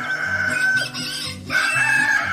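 A rooster crows loudly, a long strained call that breaks briefly and then carries on, with no one talking over it, played on the radio station Radio 1 at 5:32 in the morning as a wake-up call.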